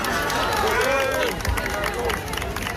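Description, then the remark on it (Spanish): A dense, lively crowd applauds Princess Leonor's arrival at Carlos III University of Madrid early in the morning amid television cameras, with scattered clapping under a steady din of overlapping voices and chatter, loud throughout. “I entrava a la universitat, aplaudida a primera hora del matí, entre càmeres de televisió, amb una imatge excepcional d'entrada, no?”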